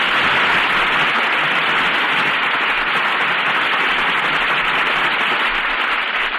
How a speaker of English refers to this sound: And here they are to receive our applause for three fine performances: Joan Evans, Robert Wagner, and Terry Moore.